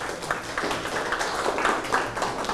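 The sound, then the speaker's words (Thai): A classroom of students applauds for group one, a dense, steady patter of many hands clapping at an even loudness for a couple of seconds, with no clear voices over it. “ปรบมือให้กลุ่มที่1ครับ”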